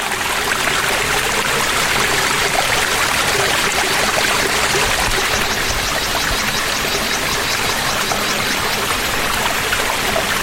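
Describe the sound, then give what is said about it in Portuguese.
Water trickles and splashes steadily in a gentle, low-flowing waterfall, low after hot days with no rain, a constant bright hiss with fine dribbling detail, fairly loud, with no voices. “Tanto calor e nenhuma chuva nos últimos dias, havia pouca água.”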